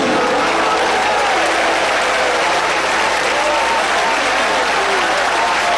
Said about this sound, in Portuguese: Eu vou pedir para melhorar esses aplausos. Eu vou pedir palmas misturado com glória a Deus. Tem gente pentecostal aqui? Aleluia, mais forte as palmas para o Rei.